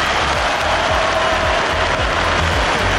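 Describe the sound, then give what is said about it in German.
A large crowd cheers and applauds at the Stadion der Freundschaft in Cottbus during the opening gala of a Bundesgartenschau, broadcast live on television; a dense, steady roar of clapping and voices that stays loud and unbroken for the whole three seconds, with no single voice standing out. “Und danach kannte der Jubel keine Grenzen mehr.”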